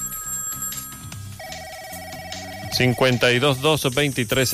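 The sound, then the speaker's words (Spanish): An electronic telephone ring for an incoming call sounds for a few seconds as steady, clear tones, then stops as a man starts talking loudly. “Otro llamado.”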